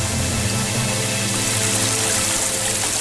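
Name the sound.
flowing river water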